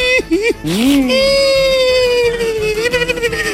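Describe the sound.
A voice imitates a small child crying, with a wavering, rising and falling wail that stretches into a long, loud, sustained sob.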